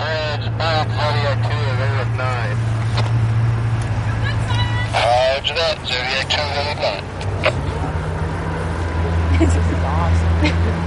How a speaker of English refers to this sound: We jumped into a Zodiac, a small inflatable motorboat.